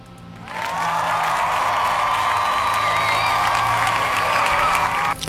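A burst of crowd applause and cheering kicks in abruptly and holds steady and loud for about five seconds, dense clapping mixed with whoops, then cuts off sharply.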